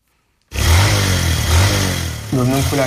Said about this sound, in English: makes his living by driving a motorcycle taxi.